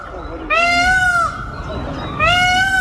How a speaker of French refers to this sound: C'est un endroit donc 100% piéton, où le calme et le cri des oiseaux rythment cet endroit.